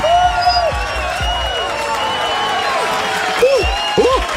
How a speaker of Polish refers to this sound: Takie razem z tymi brawami, które ci grają